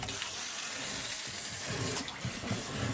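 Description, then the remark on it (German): A wind-up toy fish churns and splashes in a bucket of water, a steady burble of small splashes lasting throughout, with no talking. “Also, Fisch schwimmt.”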